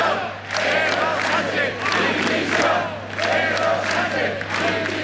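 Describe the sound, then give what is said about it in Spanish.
A large crowd at a rally in Pamplona or Tudela, Navarra, Spain, shouts chants demanding the resignation of Sánchez in loud, rhythmic bursts, many voices rising and falling together over a steady low hum, with no single speaker standing out. “gritos pidiendo la dimisión de Sánchez, también aquí en Navarra la de Chivite, pero no solo dimisión”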